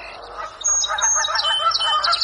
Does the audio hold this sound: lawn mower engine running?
no